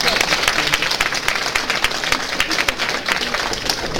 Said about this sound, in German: Vielleicht etwas, was man auch mal uns sagen muss, diese Herrschaften, die hier vorne sitzen, das Ganze beurteilen, kommen alle ehrenamtlich, um solche jungen Talente eine Anerkennung zu bringen. Einen riesen Applaus dafür.